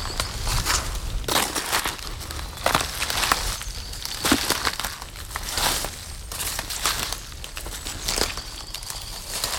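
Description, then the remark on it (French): Footsteps crunch steadily through dry dead leaves and plants while walking into vegetation, each step a broad crackling rustle in a regular walking rhythm with no voices. “De feuilles mortes, de plantes, quelques gouttes.”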